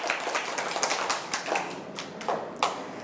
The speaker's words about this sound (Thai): ปรบมือให้ตัวเองหน่อยค่ะ